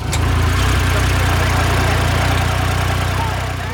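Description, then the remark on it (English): A small off-road utility vehicle (UTV) idles steadily with a passenger in the passenger seat, a low, even engine rumble with a faint rhythmic chug that holds constant throughout. “I'm in the passenger seat of a UTV.”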